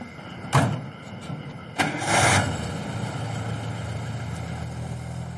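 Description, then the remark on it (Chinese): A car door thuds shut, followed by a second knock and a brief surge as the engine comes to life, then a steady low motor rumble as the car is driven off a short distance. No voices. “周乙上车将车开出了一段距离”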